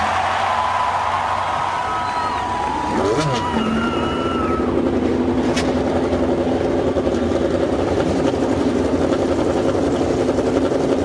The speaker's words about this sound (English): Lady and gentlemen, start your engines.